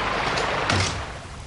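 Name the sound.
door being closed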